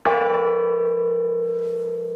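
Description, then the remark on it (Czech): A large cracked church bell, hung inside the church to the right of the presbytery rather than in the tower, is struck once, its loud clang settling into a steady, humming ring that sustains for a couple of seconds with no one talking. “Přecházíme napravo od presbytáře, tady visí veliký zvon. Můžete trošku cinknout, oče?”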